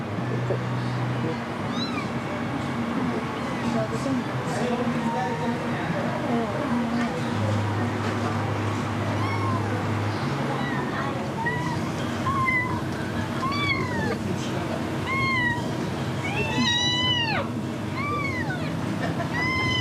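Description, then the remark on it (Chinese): A hungry kitten that has not eaten meows over and over in thin, high-pitched cries, growing more insistent toward the end, over a steady low background hum. “阿姨，那把这小猫先放在你这里了，放在这里。”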